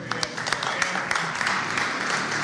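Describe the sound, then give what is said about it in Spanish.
A crowd at a ceremony at the Centro Cultural de la República in Paraguay, honoring the musicians Luis Alberto del Paraná, Dino García and Agustín Barbosa, applauds steadily: a dense wash of many hands clapping at once with a few sharper individual claps standing out, holding an even, fairly loud level throughout. “Bueno, de esta forma, ya los aplausos también.”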